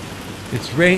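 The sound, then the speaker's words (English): A steady wash of falling rain in the South Valley hisses throughout, with a man's voice briefly speaking over it near the end. “It's raining in the valley. It's raining in the South Valley.”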